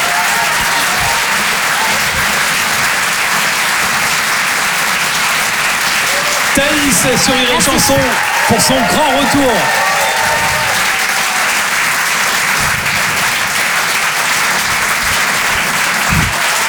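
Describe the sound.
Sustained, steady audience applause at a Rire et Chanson comedy show after a comedy set, a dense crackle of many hands clapping at an even level while a man speaks briefly over it in the middle, welcoming a young comedian.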